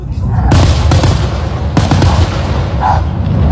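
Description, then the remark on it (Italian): Fireworks going off: a quick series of sharp, loud bangs and cracks, irregularly spaced, over a constant heavy rumble of ongoing explosions. “Secondo voi era giusto che quel cane stesse lì proprio nel campino sotto questi fuochi?”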